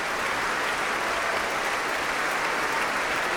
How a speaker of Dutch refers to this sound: Ja, hand in hand, Ivan Fischer en Guy Brownstein. Om dit applaus in ontvangst te nemen.